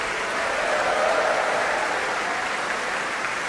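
Sustained audience applause at an orchestral concert in Rotterdam, for the percussion section, a dense steady wash of many hands clapping at an even, fairly loud level with no voices on top.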